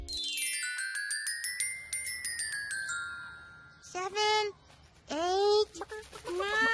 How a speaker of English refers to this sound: was sure that he heard chickens.